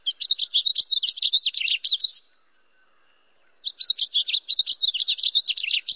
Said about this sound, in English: Or hear a house finch belting it out from a street tree.